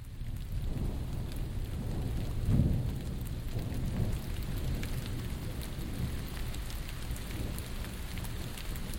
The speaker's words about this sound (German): Es regnet. Die Ausflügler ziehen sich von der Basteibrücke in die Gaststätten zurück. Und auch mit dem Klettern ist es für heute vorbei. Der weiche Sandstein saugt das Wasser auf wie ein Schwamm und wird brüchig bei Nässe.